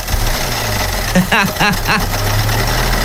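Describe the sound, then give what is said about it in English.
A car engine idles with a steady low drone and a fast, rattling mechanical clatter running throughout, while a brief voiced sound rises over it partway through. “It's like you put gravel in the lawnmower.”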